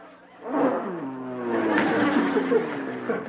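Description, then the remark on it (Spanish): A voice imitates the engine of a firefighters' motorcycle with a steady buzzing drone that rises and dips in pitch, continuing loudly for a few seconds with slight laughter-like breaks. “¡Es la motocicleta!”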